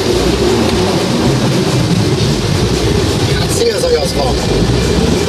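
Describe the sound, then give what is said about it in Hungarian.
Loud, steady wind roar inside a car driving at about 90 behind a truck with the roof half open, strong enough to blow the driver's hair, a thick low buffeting rumble under a hissy rush that never lets up. “Szélzajaszban, méghozzá annyira, hogy a hajamat is fújja a szél, hát én ezt is nem fogom erőltetni.”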